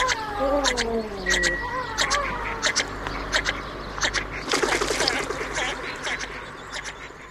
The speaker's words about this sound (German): das war der Vogel der Woche hier zu hören beim Widerhall. Und diese Woche war es die Löffelente